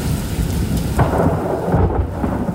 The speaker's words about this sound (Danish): Til tordenbrag.